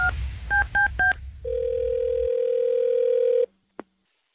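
A telephone dial tone hums briefly, then four quick touch-tone beeps are dialed for a call on the KISS 97.3 morning radio show in Santa Fe and Albuquerque, followed by a steady, loud ringback-style tone that cuts off with a short click at the end.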